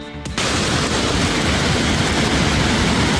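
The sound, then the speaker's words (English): After a brief, quieter start, a loud, steady roar of damaging wind and heavy rain from a storm pounding the US Midwest bursts in and continues unbroken, a dense crackling wash of noise with no voices. “Damaging wind and rain still pounding the region.”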